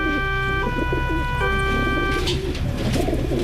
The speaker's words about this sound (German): Es gibt ja Menschen, die kriegen bei diesem Geräusch hier schon sofort Aggressionen. Ja, das sind Tauben.